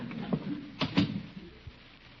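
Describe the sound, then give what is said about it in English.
A house door is opened and shut, with a few dull knocks and rattles of the latch and frame spread over a couple of seconds, moderately loud, with no one talking. “You get inside and answer the door.”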